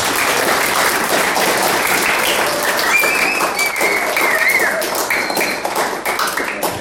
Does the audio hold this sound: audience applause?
yes